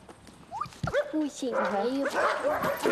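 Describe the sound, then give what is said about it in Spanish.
Dogs barking and yipping, with a few sharp barks early on, then a steady run of high, whiny yelps filling the rest of the moment. “Amo a muchos perros. A este, a este, a este, a este, a este, a este, a este.”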